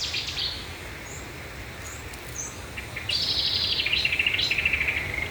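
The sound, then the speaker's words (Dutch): A Cetti's warbler and a marsh warbler sing over a steady outdoor hiss, with frogs in the background, before 3:30 in the morning near Arnhem. A few brief chirps come early on, then a loud, rapid burst of warbling from about three seconds rattles on in quick repeated notes. “En daar hoort zij een geweldig concert van Setti-zanger, bosrietzanger en ook kikkers op de achtergrond.”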